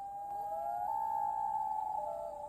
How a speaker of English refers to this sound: A common loon is a long-bodied diving water bird. Loons breed in forested lakes and large ponds in northern North America and parts of Greenland and Iceland.